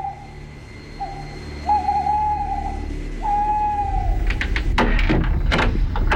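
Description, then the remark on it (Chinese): At night in front of a residential house, a man imitates an owl with three steady, drawn-out hoots spaced a moment apart, followed by a few sharp clattering noises. “他来到一处民宅前，学了三声猫头鹰叫。”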